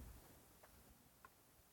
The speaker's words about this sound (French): Puis il y a le vacarme continu du ressac, un déclic à l'horloge qui va sonner 11h.